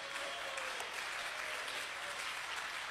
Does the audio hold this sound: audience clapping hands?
yes